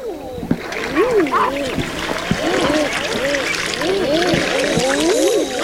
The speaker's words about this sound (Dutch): Dat is de balsroep van de eider. Het klinkt een beetje als een verbaasde oma. Oeh, ja. Dus dat is een supermooi geluid.